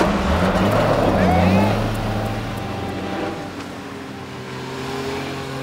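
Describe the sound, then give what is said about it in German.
A car carrying Frau Degen's bicycle inside revs hard and loud, its pitch climbing sharply, then settles into a steady, droning hum as the vehicle pulls away, the sound gradually easing off. “Der hat Frau Degens Fahrrad im Auto!”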